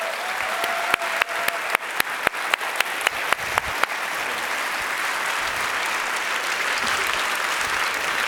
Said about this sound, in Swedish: Ge en stor och varm applåd till Anders Fontara, utrikeschef på Sveriges Radio.